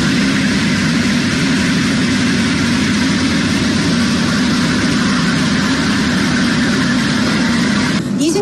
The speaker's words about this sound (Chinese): 现在是上午的8:30，我现在是在宜昌北站的站台上。那在我身后呢，宜兴高铁的首趟综合检测车呢即将驶出站台，这也标志着宜兴高铁正式启动了联调联试工作。